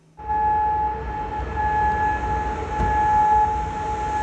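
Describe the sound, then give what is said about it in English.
Air raid sirens wail continuously across Kuwait City as the military's air defences intercept missile and drone attacks, steady droning tones holding over a low rumble of background noise, sounding loud and spread wide. “Those were the sirens that sounded across Kuwait City as the military's air defences intercepted many of the missiles and drone attacks.”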